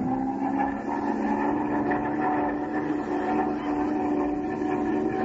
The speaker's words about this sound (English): Ah, well, I'll push this stick forward and go into a power dive and see what happens here.